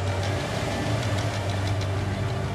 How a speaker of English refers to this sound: This beauty is the Candela electric hydrofoil. I'm sure you'll see it in a Bond film at some point. It is so smooth as to be quite unnerving. You don't really realize the speed that you're doing until you look around.